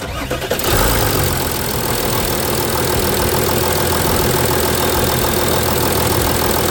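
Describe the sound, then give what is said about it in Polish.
An engine starts up in the first half second, then settles into a steady, loud idle with a rough, rhythmic clatter that continues unchanged to the end, with no talking. “Jak to z tymi silnikami się układa wam? Rozpoznawanie. Który silnik to diesel? Pierwszy?”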